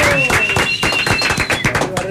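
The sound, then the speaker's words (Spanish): A round of applause welcoming a guest and his accompanying musicians, with steady, rapid hand claps that stay loud throughout while voices call out over the clapping. “Venga, el aplauso, muchachos.”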